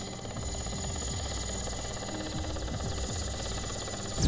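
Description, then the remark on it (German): A steady Mi-8 helicopter drone on Kamchatka, hired for aerial filming of the volcanoes, with a loud engine whine and a rhythmic rotor chop pulsing underneath, continuous throughout with no voices. “Ich habe einen Mi-8-Helikopter herbestellt für Luftaufnahmen der Vulkane.”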